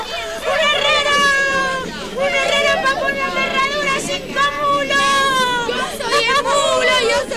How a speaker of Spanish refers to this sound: A esa hora, los niños ya jugaban por allí, corriendo y alborotando.